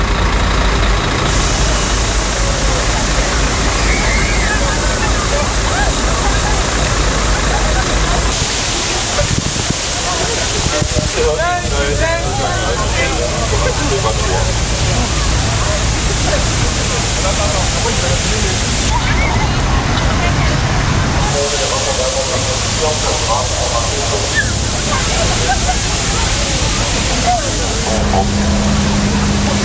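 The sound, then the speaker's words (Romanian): Berlin police water cannon trucks spraying water to cool pedestrians: a steady, loud rush of spraying water over the low rumble of a truck engine, with splashing and scattered voices mixed in throughout. “În mai multe orașe, autoritățile au trimis cisterne care au pulverizat apă pentru a-i răcori pe pietoni.”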